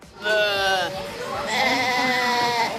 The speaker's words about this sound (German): Mit lautem Gemecker ruft diese Ziegenmama nach ihrem Nachwuchs. Anhand der Rufe können Mütter ihre Kitze selbst nach einjähriger Trennung noch erkennen.